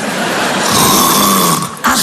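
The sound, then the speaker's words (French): A loud, raspy snore drawn out for about two seconds, harsh, ending with a short snort-like catch. No talking. “Bah tu ronfles un peu chérie, ça m'étonnerait, je dormais pas.”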